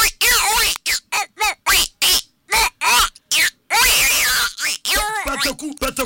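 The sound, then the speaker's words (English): Guinea fowl calling: a loud, rapid series of harsh, grating squawks repeated in an uneven rhythm, ending in a longer burst of cackling. “Petaku. Guinea fowl.”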